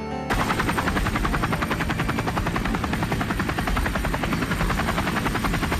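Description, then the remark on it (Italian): The rotor blades of military junta helicopters searching for four escapees chop the air in a fast, steady thumping rhythm, loud, with a continuous engine roar underneath and no one speaking. “Il rotore degli elicotteri della giunta militare aveva cominciato a tagliare l'aria per cercare i 4 evasi nudi e ammanettati.”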